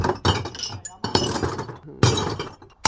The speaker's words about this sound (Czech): vy už tady máte i nachystaný plný košíček skla. Jdu ho akorát vysypat.